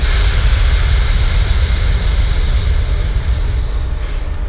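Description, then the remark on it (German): A loud, sustained exhaling breath during a breathing exercise, producing a broad rushing hiss like ocean surf that holds steady throughout with no talking. “Also wir sind wie das Rauschen des Meeres. Ja, ausatmen.”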